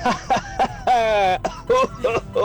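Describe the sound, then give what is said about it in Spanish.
A person laughs in short, voiced bursts that slide into coughing, with about eight rhythmic pulses and one longer drawn-out stretch in the middle. “Y termino tosiendo.”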